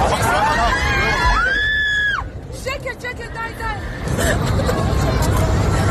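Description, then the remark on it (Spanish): Panicked passengers scream and shout over a dense roar of crowd noise inside an airplane cabin flying from the United Arab Emirates to Israel, after the co-pilot stabbed the pilot and tried to crash the plane; 174 passengers aboard, mostly Israelis. One long high wail rises above the chaotic babble of many voices. “Son los gritos del pasaje de un avión que volaba ayer de los Emiratos Árabes a Israel y en el que el segundo piloto apuñaló al primero e intentó sin éxito estrellar el avión con 174 pasajeros a bordo, la mayoría israelíes.”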